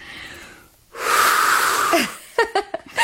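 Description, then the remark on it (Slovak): The birthday boy blows out the candles on a tiered birthday cake: a single long, breathy blow of air lasting about a second, followed by several short, quick vocal bursts. “Oslávenec fúkne sviečky.”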